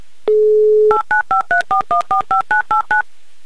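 A steady dial tone hums briefly, then eleven crisp touch-tone beeps follow in quick, even succession as a Humor FM radio host dials a listener's phone number in Oryol, loud with no voices.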